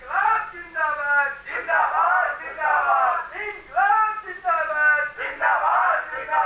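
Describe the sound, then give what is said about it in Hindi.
A large, angry mob shouting and clamoring together as it advances toward a house and grain warehouse to loot the grain, a dense, continuous din of raised voices that surges and swells in waves, fairly loud. “जी हाँ, मैंने ही फोन किया था, बहुत बड़ी भीड़ है, मेरे घर और गोदाम की ओर बढ़ती आ रही है भीड़।”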